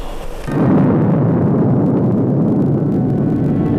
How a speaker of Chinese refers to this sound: 1964年10月16日，中国第一颗原子弹爆炸成功。